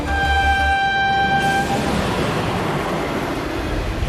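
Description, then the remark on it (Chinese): A passenger train heading to Wuhan in Hubei Province, China, rumbles steadily along the rails, loud, with a sustained horn-like tone sounding over the first second and a half before only the rolling noise remains. No one speaks. “追捕劫匪的民警经过信息研判，得知两名嫌疑人正在赶往湖北省武汉市的列车上。”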